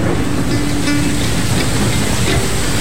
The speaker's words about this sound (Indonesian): Saat menaiki hejan, tiba-tiba hujan pun turun dan membawa kami langsung masuk ke dalam rumah Betang.